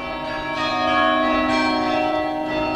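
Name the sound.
church carillon bells ringing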